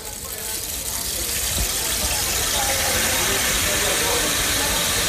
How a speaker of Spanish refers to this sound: Que pareciera enteramente que nos está cayendo la lluvia o el agua encima, pero no, es ese famoso palo que movemos de un lado a otro.